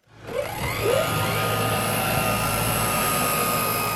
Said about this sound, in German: Vorbereitung eines Drohnenstarts auf dem kleinen Flugplatz Norden-Norddeich an der Küste Niedersachsens.